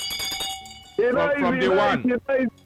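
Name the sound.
bell ringing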